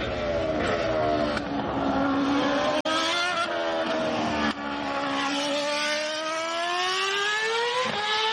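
A high-revving Formula 1 race car engine screams loudly, its pitch climbing and dropping through quick gear shifts, with a couple of abrupt breaks along the way and no voices.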